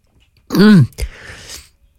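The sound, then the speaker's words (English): A single loud cough from the programme's host while speaking on air: a strained, voiced rise and fall, then a sharp explosive burst trailing into a brief breathy rasp, with no talking around it. “Cough coming in.”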